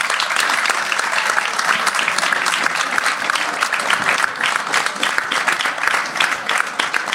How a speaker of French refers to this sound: Donc on peut les applaudir très fort. Oui, applaudissez s'il vous plaît.